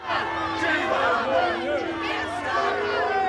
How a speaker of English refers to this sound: The Prime Minister booed and heckled when he visited the area where two Jewish men were stabbed in North London this week.